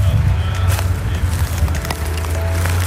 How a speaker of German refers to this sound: Ansonsten hört man hier im Hintergrund schon die Feuerwehrfahrzeuge brummen. Da sind die Motoren natürlich noch an, damit die jederzeit reagieren können.